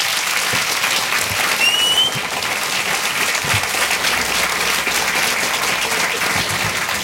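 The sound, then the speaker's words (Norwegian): Sustained, steady applause from an audience welcoming authors Therese Tungen and Lars Mytting, a dense wash of clapping that stays loud and even throughout with no talking over it. “Gi Therese Tungen og Lars Mytting en varm applaus.”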